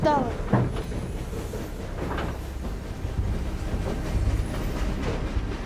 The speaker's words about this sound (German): Züge wie dieser rollen im Spätsommer 1914 durch ganz Europa.